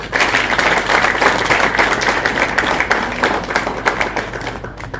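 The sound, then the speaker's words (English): A sustained burst of audience applause welcoming the Honorable Member Kemani, MP for Molo, many hands clapping densely and steadily for several seconds, loud, with no voices rising above it. “Join me, please, in welcoming the Honorable Member Kemani, the MP for Molo.”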